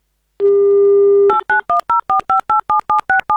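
A steady dial tone hums for about a second, then a quick run of about ten evenly spaced touch-tone beeps as a listener's phone number in Moscow is keyed in by Avtoradio for its game "Mnogo deneg", each a crisp two-note electronic chirp.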